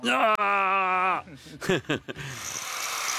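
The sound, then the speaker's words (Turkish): A voice imitates the agonized scream of a person whose trousers catch fire while cutting metal: one long, steady, strained wail, then a few short broken cries, trailing off into a soft hiss. “Sonra böyle bağırırsınız.”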